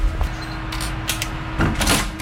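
A door is handled: a few knocks and rattles, then a heavier clunk and scrape as it swings shut, over a low background hum.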